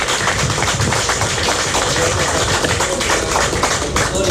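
An audience applauds in tribute to the tourism industry, with dense, steady clapping that stays even in loudness for about four seconds, a continuous crackle of many hands with no talking over it.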